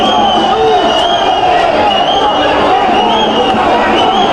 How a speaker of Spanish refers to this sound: Bueno, el 21 no quiere salir. Escuchemos a la gente silbándole al 21.